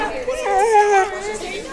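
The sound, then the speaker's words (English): A dense murmur of many young voices talking over one another, steady and moderately loud, with no single speaker standing out: students in PSU's student union during a bustling lunch hour, gathered to pet therapy dogs. “The local therapy dogs sat patiently as students gathered to pet them during a bustling lunch hour in PSU's student union.”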